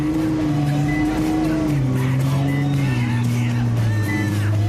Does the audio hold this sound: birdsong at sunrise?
no